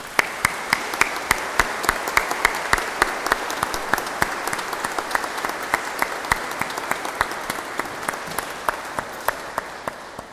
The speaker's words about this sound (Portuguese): Quero, em nome da paróquia da Sé, agradecer-lhe tantos domingos a tocar aqui na Igreja da Sé, e para ela muitas felicidades e uma grande salva de palmas.